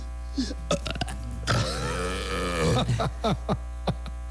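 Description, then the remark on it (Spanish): A long, loud, gurgling burp sound effect stretches for over a second, framed by a few short, sharp bursts of noise before and after it. “Y un eructo.”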